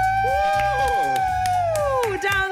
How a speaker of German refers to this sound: jetzt jubeln wir mal für unsere Puzzler. Absolut.